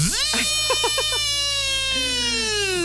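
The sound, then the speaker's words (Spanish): A voice imitates a power drill with a loud, steady, buzzing whine that rises quickly and then holds at one high pitch, broken early by a few short stuttering bursts. “A ver, otra vez el sonido del taladro, lo haces muy bien.”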